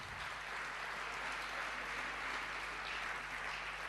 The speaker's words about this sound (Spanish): Bueno, muchas gracias. Un fuerte aplauso para los compañeros de sonido, de las luces.